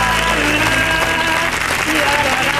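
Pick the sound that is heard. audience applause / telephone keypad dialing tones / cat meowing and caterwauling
audience applause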